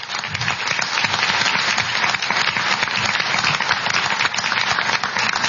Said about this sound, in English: Okay. I think they've both done a great job. We can give them a round of applause now, even though it's breaking the rules.